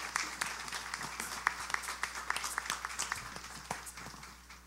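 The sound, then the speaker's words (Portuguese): A crowd at a religious pilgrimage event applauds to thank everyone, with dense, overlapping claps that carry on steadily for several seconds before gradually fading. “Saudemos com a salva de palmas, agradecendo a todos.”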